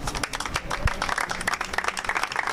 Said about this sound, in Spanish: Con aplausos acababa el minuto de silencio en la sede de Bilbao